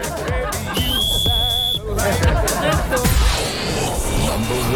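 A shrill, high whistle blast rises and holds steady for about a second, followed by a warbling trill, over a busy background of chatter and noise.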